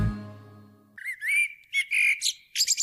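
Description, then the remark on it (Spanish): A low tonal sound fades out, then a series of loud calls from a common blackbird, yellow-legged gull, red kite and common chiffchaff follows: several harsh, squawking notes with short pauses between them, ending in a quick burst of sharper cries. “Mirlo común. Gaviota patiamarilla. Milano real. Mosquitero común.”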